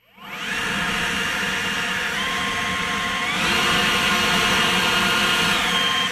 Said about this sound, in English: That's the leaf blower. I don't like those.